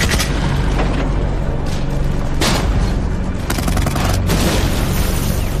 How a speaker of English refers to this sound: As the Germans come into view from the south, the British open fire. Explosions reverberate around them from German tanks and self-propelled guns in the distance.